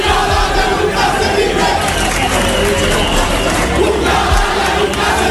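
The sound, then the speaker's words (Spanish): A large crowd of people in Ceuta roars and cheers, giving an ovation to President Vivas, in a steady, dense wash of voices for several seconds, with shouts rising out of the continuous loud din. “El pueblo de Ceuta ovacionando al presidente Vivas.”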